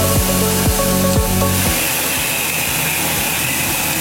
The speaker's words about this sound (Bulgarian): Ето, примерно, тук имаме един миксер за тор, който зададена рецепта за захранене на растенията вкарва директно в капковото. Не е нужно да ходи един човек, да отваря клапани, да държи маркуч, да тори на сляпо.